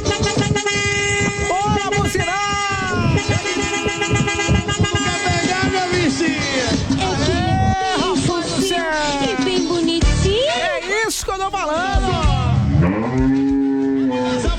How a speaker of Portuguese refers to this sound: Esse aqui é diferenciado, essa buzina aí, bom vai.